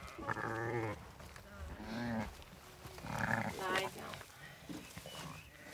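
A shepherdess imitates lamb sounds to lure a young sheep: a series of quavering, high-pitched bleats, three or four in irregular succession, each wavering and trailing off, with breaths and faint rustling in between.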